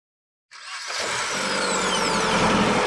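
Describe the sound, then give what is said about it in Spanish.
After a moment of silence, a car engine starts up and settles into a steady, loud rumble with a broad rushing whine, heard from inside a car driving through very dry land. “Ella observa desde la ventanilla del auto la sequedad más absoluta.”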